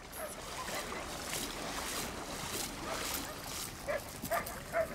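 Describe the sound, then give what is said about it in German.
A pit bull that hurt itself romping at the edge of a salt-water pool gives three short, high yelps near the end, sounding hurt, over a steady wash of splashing water and outdoor noise. “Ein ganz harter Hund hat sich verletzt beim Toben am Beckenrand.”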